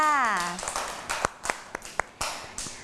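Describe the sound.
A brief voice opens, then children clap, about five or six sharp, uneven claps spaced roughly a quarter-second apart, over a faint, busy background murmur.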